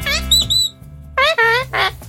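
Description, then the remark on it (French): A voice imitates a squawking parrot: a few shrill, warbling squawks in quick bursts, loud, with a low hum underneath. “Un perroquet mais qui répète mais mal.”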